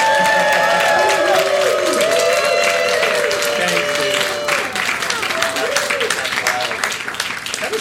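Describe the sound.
An audience claps steadily and loudly for several seconds while voices cheer and whoop for an award being presented on a show, prompted by a held-up cheer sign, the shouting strongest at the start and easing as the applause carries on.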